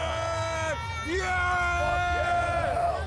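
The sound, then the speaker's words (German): A large crowd of heavy metal fans, nearly 85,000 ticket holders, yells and shouts with joy on the opening day of the Wacken Open Air festival in Wacken, voices rising in long howling cries over a dense, steady roar of many people. “Und diese Freude, die pusten sie dann raus in Form von Geschrei am Eröffnungstag.”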